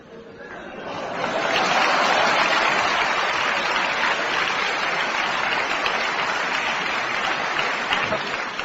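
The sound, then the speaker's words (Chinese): An audience breaks into loud, sustained applause after about a second of quiet murmur, applauding a performer's turn as Grandma Li in the Peking opera scene 'Painful Recounting of the Revolutionary Family History', a dense steady clatter of clapping that holds strong to the end. “来， 李奶奶， 嗯， 一转弯，我这李奶奶要像，您就给我鼓掌。”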